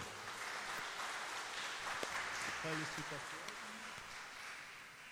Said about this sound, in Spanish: Bueno, démosle un fuerte aplauso.